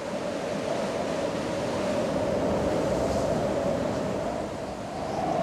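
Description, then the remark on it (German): A steady, roaring rush of hurricane-force wind gusts over churning sea, from an Atlantic storm front at the end of summer, fills the whole stretch, dense, easing briefly near the end before surging back. No voices. “Böen mit Orkanstärke wühlen das Meer auf.”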